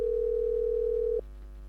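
A steady, unbroken telephone dial tone hums clearly for just over a second while calling someone back, then cuts off abruptly, leaving only a faint low background hum.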